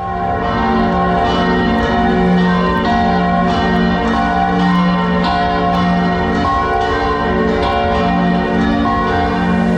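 Loud bells of St. Martin's Coronation Cathedral in Bratislava ring to announce noon, several bells overlapping continuously in a dense, reverberant peal with sharp strikes recurring throughout. No voices are heard.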